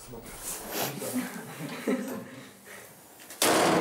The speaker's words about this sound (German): Ich muss die Tür noch einmal wieder zumachen.